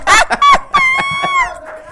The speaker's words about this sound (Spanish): Estoy escuchando un cacareo de gallina ahí. Gallina.